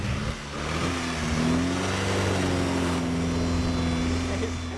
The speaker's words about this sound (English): in his 1925 Austin 7